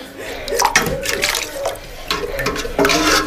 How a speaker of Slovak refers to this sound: Chlapci, podali by ste mi pohár vody? Áno, teta, naberiem vám z vedra, ale nemám čím. Tu je šálka.